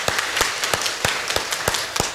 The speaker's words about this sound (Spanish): Démosle un fuerte aplauso en este día.